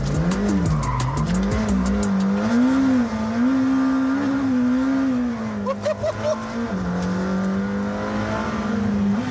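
The engine of a sports car named after Formula 1 driver Ayrton Senna, with carbon-ceramic brakes, roars loudly and continuously, its pitch rising, dipping and climbing again as it revs, with brief squeals of tires early on.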